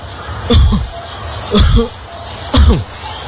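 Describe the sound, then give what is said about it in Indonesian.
A person with a persistent cough that will not go away coughs three times in a steady rhythm, each cough a harsh burst about a second apart, with no talking in between. “Galak obat sudah saya minum, tapi batuk ini gak sembuh-sembuh.”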